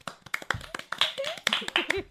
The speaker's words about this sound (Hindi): जोरदार तालियां।